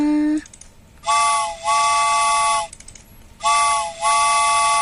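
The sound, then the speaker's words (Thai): A loud train whistle sounds in two long, bright blasts as the train departs, each dipping briefly midway, separated by a short pause, with a faint low rumble underneath and no talking. “รถไฟออกก่อนนะ”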